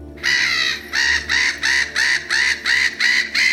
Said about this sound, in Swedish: Närgångna måsar som snor mat och går till attack, ett växande problem den här sommaren.